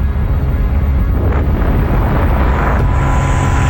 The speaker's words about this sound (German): Flugzeug. Tatsächlich, ja.